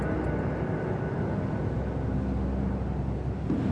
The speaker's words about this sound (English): That train is the Southeast Limited. See it? Long and sleek and powerful, ticking off the miles on the humming rails, a masterpiece of 20th century mechanical perfection.